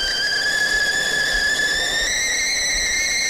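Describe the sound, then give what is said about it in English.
A kettle boiling water for a cup of tea whistles steadily, a loud, shrill sustained tone with layered harmonics that slowly rises in pitch over a hissing, bubbling background, with no talking. “Better get that kettle on.”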